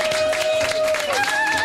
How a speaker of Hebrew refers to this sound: מי הגיע? חיילי גולני, חברים פה בחוץ, הגיעו ישר לתל השומר. אם אפשר בבקשה להכניס פה את כולם, את כולם, את כל החיילים. כן, שיכנסו, שיכנסו אלינו. יש פה הרבה יחד, אני אשמח עם החיילים. ערב טוב חיילי צה"ל, תשאו להם מחיאות כפיים!